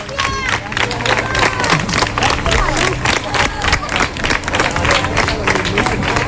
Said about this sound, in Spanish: Bueno, por poner el punto final, ya se van, ¿eh? Mira, con aplausos otra vez. La gente está volcada, sí, sí.